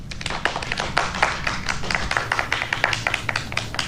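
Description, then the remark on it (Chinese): An audience at a TV programme applauds steadily to welcome a guest, many hands clapping at once in a dense, crackling patter that holds an even loudness for the whole stretch, with no voices. “让我们用热烈的掌声再次表示欢迎。”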